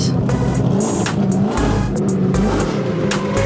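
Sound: race car engine revving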